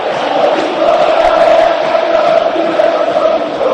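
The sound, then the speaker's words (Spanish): A packed crowd at the Monumental football stadium, during a match involving Independiente, roars and chants in a loud, steady wall of sound, voices blending into a sustained droning hum with no pauses throughout. “Escucha el Monumental.”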